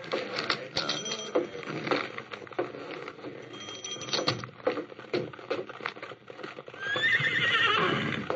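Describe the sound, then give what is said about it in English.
Horses, their hooves clip-clopping in an uneven clatter, with a loud, shrill whinny rising near the end over the shuffling hoofbeats. “Here's my horses.”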